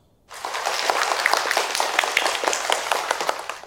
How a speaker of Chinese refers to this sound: 掌声祝贺他们。